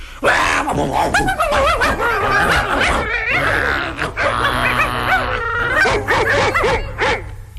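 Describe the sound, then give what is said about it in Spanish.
Several dogs bark and snarl at once in a loud, agitated chorus, overlapping yaps and growly barks packed tightly together for several seconds, with no talking. “Leonardo creía que el mundo estaba lleno de perros furiosos que querían morderlo”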